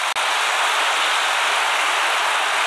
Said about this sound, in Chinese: 我们要再次给他掌声。